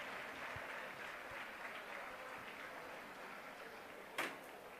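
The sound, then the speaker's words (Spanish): Club Deportivo Leganés fans give Álvaro Morata an ovation at his presentation as a new player, seeing him in his new shirt with number 21; a dense wash of clapping holds an even level throughout, with one sharper knock or bang near the end. “Ya se ha enterado la afición del Club Deportivo Leganés de esa imagen con Álvaro Morata, con su nueva camiseta, una nueva ovación viéndole con ese dorsal con el 21.”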